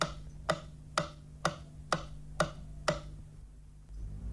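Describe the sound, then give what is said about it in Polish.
A right-channel stereo test signal from Polish Radio's First Programme in Warsaw, for checking that stereo channel directions match: six sharp, evenly spaced clicks about half a second apart, like a ticking clock, over a steady low hum, with no voices. “Dla sprawdzenia zgodności kierunków podane zostaną sygnały testowe kolejno na lewy i prawy kanał.”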